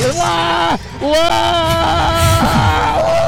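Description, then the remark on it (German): A person screams loudly, one long sustained wailing cry, a brief breath, then another drawn-out scream with wavering pitch, on a fairground drop ride overlooking the Hannover region. “Ich liebe diesen Schrei.”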